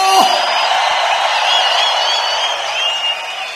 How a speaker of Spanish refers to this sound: ¡El Reina! ¡Si es Reina, dale un fuerte grito de júbilo!